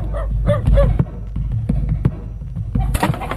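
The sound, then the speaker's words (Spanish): Several sharp, short barks from dogs, irregularly spaced, with a low rumbling background and a brief burst of noise near the end. “¿Por qué ladran los perros?”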